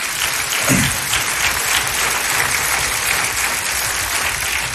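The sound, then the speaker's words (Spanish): An audience claps steadily together in applause for Jesus Christ, a dense, sustained wash of many hands at an even loudness throughout, with no voices rising above it. “Le damos un aplauso a aquel que nos limpia todos los días.”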